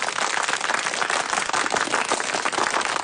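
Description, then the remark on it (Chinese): Dense, steady applause from many hands, a continuous crackling wash of claps holding at a fairly even, loud level throughout with no voices. “随着渐渐落下的掌声，廖飞走到了正面主讲位置。”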